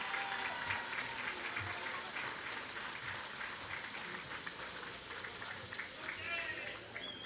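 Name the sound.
audience applause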